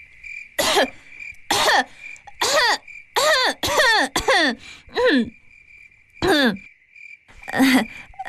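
Around nine loud coughs and throat-clearing bursts from a young woman with phlegm in her itchy throat, some spaced apart and others bunched in a quick run, over a faint, steady high-pitched whine like insects in the background.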